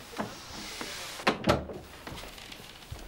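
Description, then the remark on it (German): A door shuts with two quick, solid clunks in close succession, framed by a few softer rustles and a faint background hum. No one speaks. “Komm rein und mach die Tür zu.”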